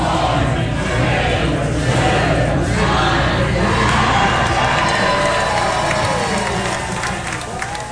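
A large crowd of NFL fans in red at Federation Square in central Melbourne, Australia, erupts in sustained cheering and shouting as the 49ers win over the Rams, loud and dense throughout, with voices swelling together and no single speaker standing out.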